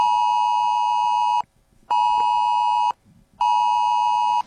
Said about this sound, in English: On Monday, there was a test of the Australian warning system, the Oz Alert, where every phone in Australia was sent this message.